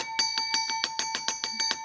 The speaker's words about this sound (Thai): แหมกระดิ่งดังดีเหลือเกินนะคะอาจารย ์มันคึกคักอาจารย์ คึกคักมากเลย